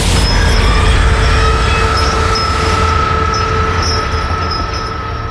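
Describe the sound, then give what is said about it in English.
A loud train rumbles steadily along the rails, with a deep roar underneath and faint metallic squealing tones riding on top, easing slightly toward the end. “The final apparition is a phantom train that can be heard roaring out of the gym and shaking the walls of the hallways as it passes through its old route where the school was built.”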